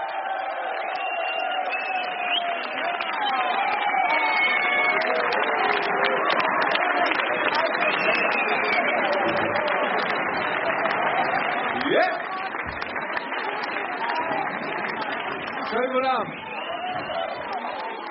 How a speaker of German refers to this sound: Applaus